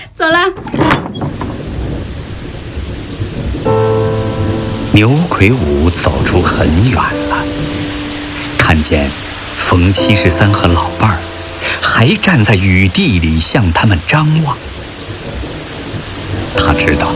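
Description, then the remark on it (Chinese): Steady rain hisses throughout as a constant background wash, with voices talking over it and a few tonal, music-like passages layered on top; low rumbles suggest thunder. “还站在雨地里向他们张望”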